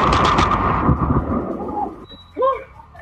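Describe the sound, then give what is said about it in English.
A loud thunder crack from a lightning strike hitting a man in Castleton Corners, Staten Island, bursts out at once and rumbles away over about a second and a half, followed by a brief startled voice. “A Staten Island man is struck by lightning and buys a lottery ticket in hopes for a second lucky strike.”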